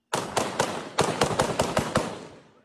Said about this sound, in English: Explosions and gunfire were heard as forces loyal to the ousted governor launched an attack. The defense minister says fighters linked to al-Shabaab also took part.